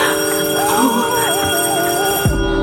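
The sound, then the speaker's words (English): A doorbell rings with bright, sustained chiming tones that hold steady and loud for a couple of seconds, then cut off abruptly near the end, a faint wavering tone drifting underneath. “The doorbell rings as soon as I'm back.”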